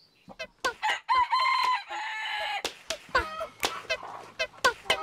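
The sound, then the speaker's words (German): Chickens clucking in quick, irregular bursts in a self-built backyard chicken coop at a 12-year-old boy's home in Oberbeisheim, with one drawn-out crowing call rising above them partway through; no one speaks. “Und seine Hühner fressen ihm aus der Hand.”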